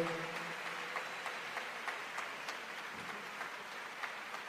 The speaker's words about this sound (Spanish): Dale ese aplauso al Espíritu Santo.